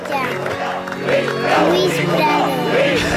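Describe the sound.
A crowd shouts and chants together in a steady, rising-and-falling rhythm, demanding a new record, many voices blending into a loud, continuous roar with repeated sung-out phrases.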